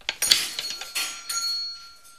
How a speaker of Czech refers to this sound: Teď jsem to říkal, že začne zvonit.